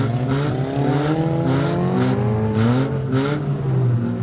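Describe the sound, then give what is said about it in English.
Old, painted-up bomber cars in a demolition derby at the Broome Speedway on a Saturday night, with 11 drivers ramming each other, rev their engines continuously and loudly, the pitch rising and falling, while about six short bursts of harsh noise punctuate the roar at roughly half-second intervals. No one speaks. “Basically, old bombers of cars are painted up and drivers ram each other until the other car, or their own, stops.”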